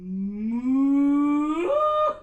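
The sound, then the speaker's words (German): A single long cow moo, loud, starting low and steady before rising sharply in pitch toward the end, heard alone with no talking. “führt Sängerinnen und Sänger gedanklich auf saftige Almwiesen mit fröhlichen Kühen.”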